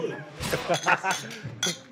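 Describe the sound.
Beer glasses clink together a few times in a toast of 'Zum Wohl' to TuS Hattingen, bright short chimes mixed in with people talking at the same moment.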